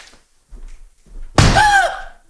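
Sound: door slamming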